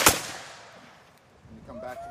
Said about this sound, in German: Das Pulver, das schüttest du von oben in den Lauf und dann spannst du die Muskete und dann gibt's ein Kommando, anlegen, schießen und dann feuerst du diese Muskete ab. And fire.